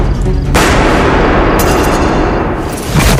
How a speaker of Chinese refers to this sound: 正在归途中的韦志宏等人听见枪声，都吃了一惊。 宏哥，寨子那边在打枪，听这个声音是南部